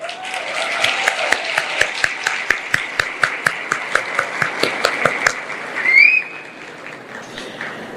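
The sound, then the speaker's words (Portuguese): An audience applauds a prosecutor as she is introduced to give the second lecture of the afternoon, with dense, steady clapping for about five seconds; then the clapping fades out and a short high-pitched whistling tone rises briefly at the end. No one speaks. “Podem aplaudi-la.”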